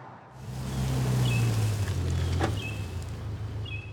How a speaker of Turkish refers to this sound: Karaya çıktım. Bunu yaptığıma inanamıyorum. Şuraya bakın. Denizden arabayla çıktım ve şu an karayolunda gidiyorum. Buna bayılıyorum.